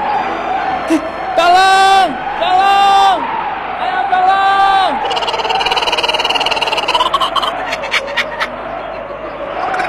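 A man screams for help in three loud, drawn-out cries close by, each rising and falling, followed by a burst of harsh, noisy commotion.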